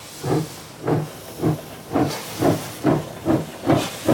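A steam locomotive chuffs steadily as its train pulls away from a station platform in Zürich, eight hissing puffs of steam in an even rhythm, moderately loud, with no voices.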